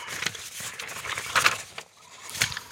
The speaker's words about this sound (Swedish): Men då ska jag bläddra fram nummer 7 till dig.